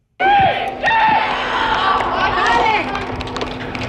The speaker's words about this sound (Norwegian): En av guttene på Nordreisas G13-lag setter ballen I mål på trening til stor jubel fra lagkammeratene. Treningen har de inne I Reisa Airdome, den nye fotballhallen som Storslett fikk for 2 år siden.